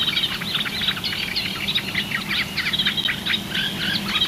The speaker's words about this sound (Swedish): Det här är ju en våt mark i kant och lite vatten. Och det vi har lyssnat på är ju framförallt de här två rörsångarna. Men även gräsand och sotöna har vi hört.